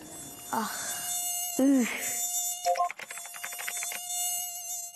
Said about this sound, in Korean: 짜증. 모기는 짜증이죠. 화가 나요.